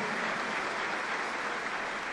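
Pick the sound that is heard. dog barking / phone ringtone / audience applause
audience applause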